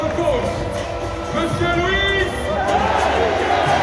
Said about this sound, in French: Chaudement applaudi